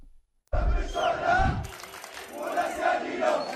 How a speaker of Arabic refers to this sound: شهدت مدن وبلدات في محافظات حلب وإدلب واللاذقية وريف دمشق مظاهرات شعبية للمطالبة بمحاسبة فلول نظام الأسد المخلوع وإنهاء حالة الإفلات من العقاب، داعين الجهات المعنية إلى اتخاذ إجراءات قانونية بحق المسؤولين عن الجرائم التي ارتكبت خلال السنوات الماضية.